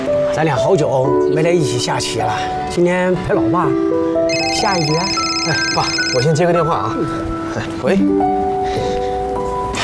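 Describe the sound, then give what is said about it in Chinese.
A telephone rings as a father and son sit down to a game of chess, with a bright, melodic ringtone that repeats fairly loud for the whole stretch, with voices mixed in beneath it. “哎，爸，我先接个电话啊。”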